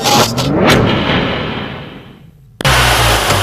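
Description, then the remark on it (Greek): A car engine, serviced at the Thanopoulos Service garage, roars and revs with quick rising and falling pitch sweeps, then gradually winds down before a sudden loud burst of engine noise kicks back in. No one speaks. “Ακούστε πώς πάει, ακούστε υποδύναμη, ροπές! Πάει σφαίρα το εργαλείο, άλλαξες μηχανή.”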